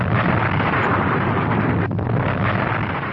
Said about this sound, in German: In der Tat rutschte die aufgewölbte Masse ein Viertel des Berges, die gesamte Nordseite, am Morgen dieses 18. Mai einfach ab. Und damit war der Weg für die angestaute Magmablase frei. Der Druck entlädt sich in einer gewaltigen Explosion.